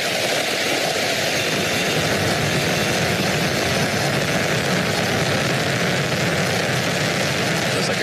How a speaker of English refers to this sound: So far, Steve, great shot there from on top of the rocket looking down, and then now tracking up, looking at those 27 Merlin engines lifting the Falcon Heavy and Roman Space Telescope off into space. Falcon Heavy soaring.